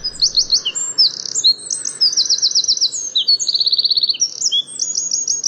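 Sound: birdsong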